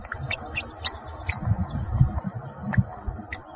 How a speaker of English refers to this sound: He says parrot babble is really very similar. Gibberish is a good descriptor.